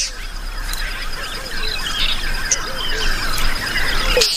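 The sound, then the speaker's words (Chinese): Oxpecker birds calling with a busy stream of high, squeaky chirps and short trills, overlapping and repeating throughout over a steady background hiss, with no one talking. “他们的盟友具有高度的警觉性，能够敏锐地发觉一切危险信号，那就是牛羊鸟。”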